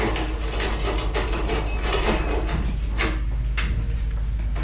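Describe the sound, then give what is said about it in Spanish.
Continuous metallic clicking and ratcheting of a key working a door lock, followed by faint sliding and creaking as the door gives way, with no voices. “Si yo mismo cerré la puerta con llave. Bien. ¿Y qué espera? ¿Abra de una vez?”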